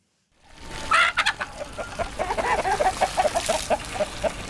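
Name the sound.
chickens clucking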